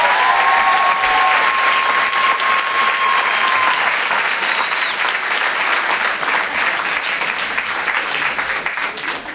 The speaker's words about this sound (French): Le Rire et Chanson Comedy Club. Je vous demande maintenant de faire un tonnerre d'applaudissements à Amel Chabi.